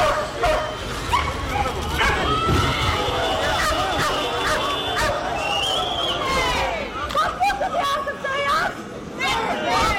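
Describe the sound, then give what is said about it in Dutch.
Several police dogs bark and yelp repeatedly and loudly over a dense murmur of crowd voices and shouting at a demonstration, as police move in with dogs and batons on a group of 50 demonstrators setting off fireworks, with the barking continuing in bursts throughout. “Toen een groep van 50 demonstranten niet wegging en vuurwerk afstak, werd er ingegrepen met politiehonden en wapenstokken.”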